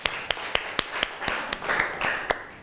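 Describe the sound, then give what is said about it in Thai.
Classroom applause from a group of students for group 5 before it presents the results of its activity, a dense patter of hand claps with several sharper claps standing out in a quick, fairly steady rhythm, moderately loud and with no voices. “เราลองมารับฟังนะคะการนำเสนอผลงานหรือผลการทำกิจกรรมของกลุ่มที่5เลยค่ะปรบมือให้เพื่อนของเราหน่อยค่ะ”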